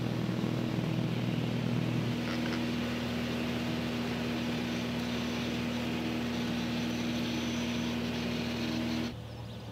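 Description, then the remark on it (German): A propeller aircraft engine drones steadily in flight as the plane searches for a radio signal with antennas on its left and right sides, a loud, constant hum with a low tonal whine over broad rushing noise, ending abruptly near the end. “Und ich suche jetzt mit den beiden Antennen links, rechts am Flugzeug, wo ich das erste Signal finde.”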